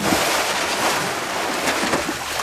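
Continuous rushing, splashing water at a steady, fairly loud level as a person plunges into water outdoors for a swim, with a breezy wash and no voices.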